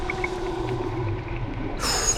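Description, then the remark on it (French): A dolphin vocalizing underwater as it dives down toward the bottom, with steady low tonal calls, a few faint high chirps, and a brighter rushing burst near the end against a murky submerged ambience. “Le dauphin vient de plonger et descend vers le fond.”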